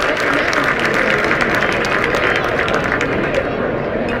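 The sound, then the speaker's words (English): A lively ballpark crowd at a night college baseball game between Ohio State and Michigan State roars steadily for the full few seconds, with scattered clapping and cheering mixed into a dense, loud wash of noise. “This is a real lively crowd tonight.”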